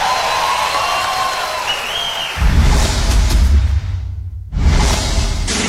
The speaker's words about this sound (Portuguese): Obrigada, muito obrigada. Mais um aplauso.